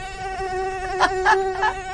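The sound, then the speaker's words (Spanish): A steady, high-pitched mosquito whine drones continuously, with a few brief rustling bursts near the middle; no one speaks. “De aquí en adelante, 5 horas de ruidos de mosquito, porque es más interesante que nosotros.”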